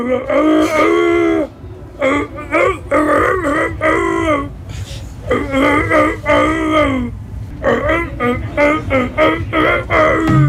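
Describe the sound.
A man's voice imitates a wolf singing, in a video posted on a person's Instagram, drawing out long wavering howls and moans in a series of sustained, pitch-bending phrases broken by short pauses, loud and strained throughout.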